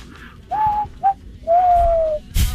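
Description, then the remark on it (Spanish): Someone whistles a low imitation of cooing doves: a short steady note, a quick blip, then a long held tone, followed by a brief breathy burst. “Oh, yo le haría, le enseñaría a hacer el ruido de las palomas silbando.”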